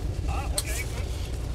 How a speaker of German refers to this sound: Also, der Wind ist nicht zu unterschätzen.